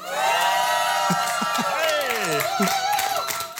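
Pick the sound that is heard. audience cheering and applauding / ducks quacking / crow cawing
audience cheering and applauding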